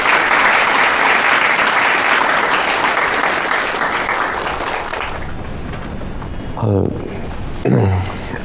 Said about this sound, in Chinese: 鼓掌